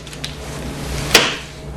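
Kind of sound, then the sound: household object, drawer opening or closing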